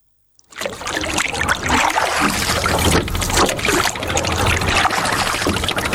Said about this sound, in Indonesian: Pagi hari di Teluk Kendari, di antara perahu-perahu kecil yang bergerak di permukaan air, seorang perempuan berusia 70 tahun mulai mendayung.